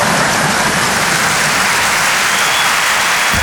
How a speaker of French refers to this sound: Moi, je viens d'avoir mon 2e enfant. Non, n'applaudis pas.